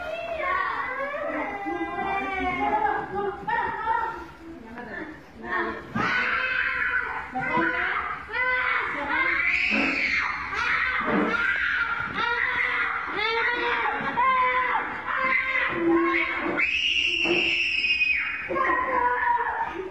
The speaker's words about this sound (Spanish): ¿Cómo gritan los alumnos?